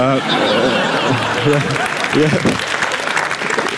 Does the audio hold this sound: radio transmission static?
no